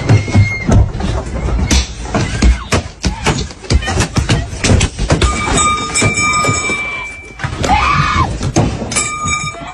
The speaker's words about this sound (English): four or five guys jump out the back of this van. They're all wearing these masks. A couple of them even have pipes in their hand. They started beating on the car. Because there's video, I have the audio. And this is what it sounded like.